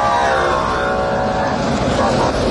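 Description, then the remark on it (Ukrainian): Loud, steady engine roar from buses driving quickly past after a prisoner exchange, a dense rumble with a droning tone that fills the whole stretch without letting up. “Дійсно, зараз проїхали автобуси швидкі, і всі, хто супроводжував цей обмін.”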